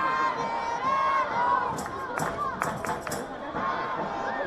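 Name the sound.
stadium crowd cheering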